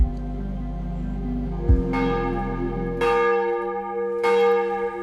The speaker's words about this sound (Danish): Her er klokkerne i Vor Frue Kirke i Domkirken i København, der ringer ind til dagens morgenandagt, som er transmitteret direkte.